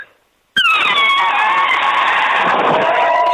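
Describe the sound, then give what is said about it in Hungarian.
After a brief quiet moment, a person bursts into a loud, sustained, brassy trumpeting blare that imitates an elephant, holding the shrill, wavering tone for nearly three seconds without any talk. “Hozd az elefántot még egyszer”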